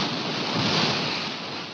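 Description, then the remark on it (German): Steady wash of waves and splashing water as a woman walks into the water, a broad hissing surge that swells slightly in the middle before easing, with no voices present. “läuft ins Wasser.”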